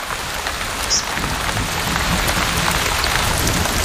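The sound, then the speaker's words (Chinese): Heavy rain from a rainstorm on an island pours down steadily, a dense, loud hiss of countless drops pattering on surfaces with no pauses and no voices. “这场暴雨抚慰了备受干旱煎熬的动物们。”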